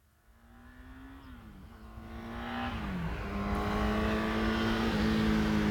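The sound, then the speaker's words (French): A car engine hums and grows steadily louder as it approaches along the road, its low droning tone shifting slightly in pitch. No one speaks. “Et je lève la main dès que j'entends une voiture.”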